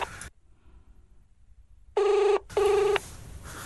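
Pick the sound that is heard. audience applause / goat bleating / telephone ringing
telephone ringing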